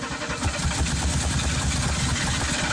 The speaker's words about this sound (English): Pull into Astron Energy. With a car that takes a minute to start.